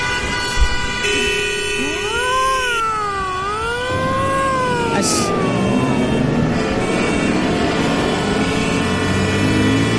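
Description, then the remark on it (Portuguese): A radio traffic-report jingle played at the close of a traffic update: rising and falling siren-like synth tones swoop over a dense, steady musical backing that keeps playing to the end, with no voices. “E como não teve vinheta antes, tem na saída.”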